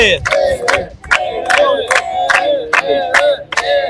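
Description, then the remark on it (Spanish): A loud crowd at a political campaign event in the José Leonardo Ortiz district of Chiclayo chants "Ever!" in unison for mayoral candidate Ever Carhuatanta. The voices rise and fall in a steady repeated rhythm, punctuated by sharp regular beats about twice a second, like a rally cheer. “¡Un aplauso para Ever! ¡Ever! ¡Ever!”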